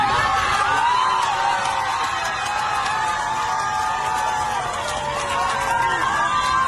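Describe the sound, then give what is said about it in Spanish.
A packed crowd of airplane passengers shouts and cheers all at once, a loud, continuous roar of overlapping voices and whoops that stays steady throughout. “Además dijo, se callaron, estaba toda la gente gritando y como, les habla el capitán, silencio, silencio, y terminó.”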